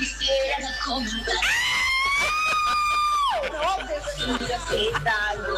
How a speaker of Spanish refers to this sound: Me encanta tu grito. Me gusta así las mujeres que gritan. Está contenta.